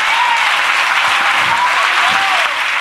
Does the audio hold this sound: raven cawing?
no